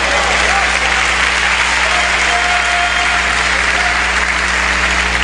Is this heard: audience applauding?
yes